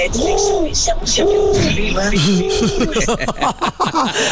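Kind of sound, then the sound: bird, pigeon cooing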